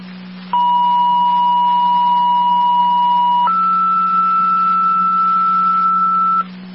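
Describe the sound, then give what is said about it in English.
Two-tone dispatch paging tones, the second set of tones for an EMS call on Dicinger: a steady pitched tone holds for about three seconds, then steps up to a higher tone for three more, loud and clear over a low radio hum. “Rapids, your second set of tones for the EMS call on Dicinger.”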